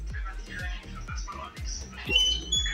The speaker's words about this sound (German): Im Ofen. Hier ist auch Brot, mal mit Licht. Quietscht ein bisschen dein Ofen.